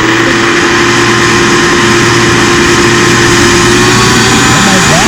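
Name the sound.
vacuum cleaner running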